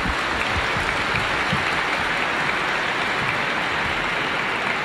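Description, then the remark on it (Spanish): A crowd claps steadily for several seconds, a dense, continuous wash of many hands applauding at once, loud with no voices standing out. “Agradecemos a nuestros hermanos y le damos un fuerte aplauso a ellos, por favor.”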